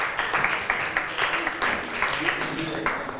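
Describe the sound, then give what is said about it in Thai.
A group of students in class claps together for two classmates, a steady burst of applause lasting a few seconds, dense overlapping hand claps at an even moderate level, with faint voices murmuring underneath. “ขอบคุณค่ะปรบมือให้เพื่อนทั้ง2คนหน่อยค่ะ”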